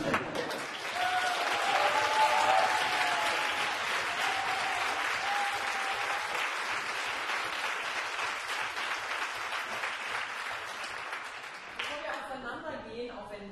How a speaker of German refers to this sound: Gebührt euch ein ganz großer Applaus. Nicht nur, dass ihr uns jetzt durch diese Veranstaltung moderiert habt, sondern ihr habt ja auch die Dramaturgie erstellt, die Zusammenstellung, ihr habt den Flyer und das Plakat gestaltet